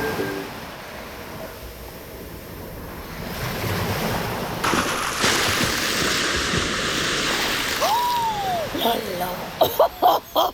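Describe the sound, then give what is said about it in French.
Ocean surf rolls and crashes close by, a broad wash of noise that swells louder midway, then several sharp splashes of water burst in quick succession near the end. “Je surfais tranquillement et puis il y a eu cette autre vague là.”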